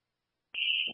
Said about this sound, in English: Chief, we're on 2, nothing showing, no smoke. The alarms are going off, we're still trying to find the source at the moment.